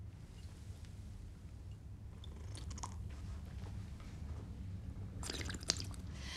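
Wet slurping sounds come in three short bursts over a low steady background hum, someone noisily drinking in three sips with pauses between, following an old tradition.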